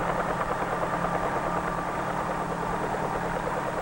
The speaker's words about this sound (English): When the blades move fast enough, they provide the lift necessary to raise the helicopter off the ground and permit it to hover.